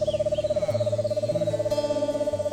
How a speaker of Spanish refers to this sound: Este es un búho chiquito.